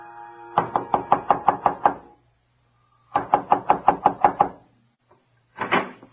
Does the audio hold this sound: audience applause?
no